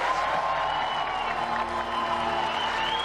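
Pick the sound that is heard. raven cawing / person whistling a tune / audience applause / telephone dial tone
audience applause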